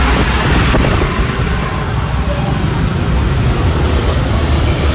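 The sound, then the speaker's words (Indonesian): Heavy road traffic in a jam at Bululawang, Malang, caused by a broken-down large trailer truck: a steady, dense roar of engines with deep low rumble, holding at an even loud level for the whole stretch with no clear individual vehicles. “Luar biasa ya kepadatannya ini.”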